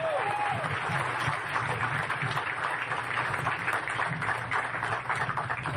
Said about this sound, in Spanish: Muy bien, un aplauso para la secretaria.